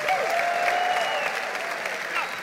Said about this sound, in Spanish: Dale un aplauso al Señor fuerte. Fuerte, vamos, fuerte. Da un grito de júbilo.